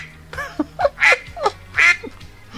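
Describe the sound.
A duck quacks several times in quick, uneven bursts, loud, with harsh nasal calls over a low steady hum in the background.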